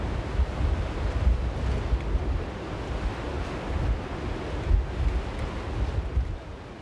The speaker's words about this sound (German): Und jetzt ist eben wieder so ein Sturm unterwegs, wo man mit hohen Wasserständen rechnen kann.